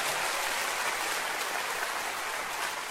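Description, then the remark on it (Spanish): A crowd claps steadily and loudly for several seconds as applause for the Lord in the afternoon, a dense wash of many hands with no pauses and no voices standing out. “Oh, dele fuerte un aplauso al Señor esta tarde.”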